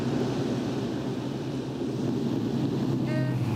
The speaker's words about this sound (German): Trecker. Vielleicht nimmt er uns mit. Vielleicht die falsche Seite. Hält er an?